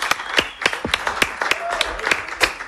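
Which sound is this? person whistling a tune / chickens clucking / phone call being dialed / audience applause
audience applause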